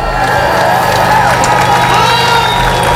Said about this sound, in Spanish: Aplausos, claro, a uno y otro lado de la verja del Peñón para celebrar la caída definitiva de la frontera después de que ayer la Unión Europea, el gobierno español y el británico formalizaran, como estaba previsto, el acuerdo para derribar el último